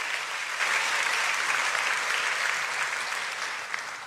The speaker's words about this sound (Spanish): La Biblia merece un aplauso. Déselo con fuerza.